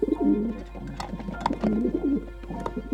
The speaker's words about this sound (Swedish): En duva landade utanför fönstret. Och det var inte en av de där vanliga grå duvorna. Den här var vit som snö. Precis en sån duva som Jonathan bett mig skicka från Nangiala.